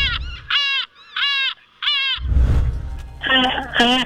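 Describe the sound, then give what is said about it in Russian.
Seagull calls ring out in a series of loud, nasal squawks, three evenly spaced cries, then a burst of rushing noise, followed by two more sharp calls. “Вот послушай теперь звуки морской пташки, чайки, и попробуй повторить эти звуки.”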